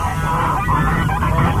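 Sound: geese and ducks honking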